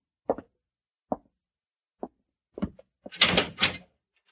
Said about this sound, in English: I'd like you to walk to that cell in the far corner. Go in and close the door behind you.